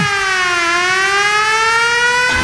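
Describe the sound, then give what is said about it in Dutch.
A loud siren wails steadily, its pitch sliding down and then slowly rising again in one continuous tone before cutting off abruptly near the end, as part of a 1970s glam rock song. “Alsof er een sirene afgaat, zeg maar.”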